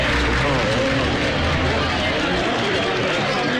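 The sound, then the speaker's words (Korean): A crowd of wedding guests in a yard claps warmly as three people come out of the house to join them, a dense steady wash of applause that carries on without a break, with murmuring voices mixed in underneath. “세 사람이 거실을 나와 마당에 들어서자 하객들이 열렬한 박수를 보인다.”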